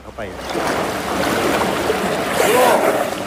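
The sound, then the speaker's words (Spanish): An elephant splashes and plays in deep water: steady churning and sloshing that swells louder near the end, with a brief voice-like sound audible over it. “Le gusta jugar en lo profundo.”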